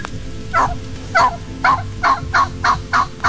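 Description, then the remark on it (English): A wild turkey gives a series of about eight evenly spaced yelps, loud, repeating steadily in a rhythmic assembly call over a low background rumble. “This assembly call is one that hunters work to emulate.”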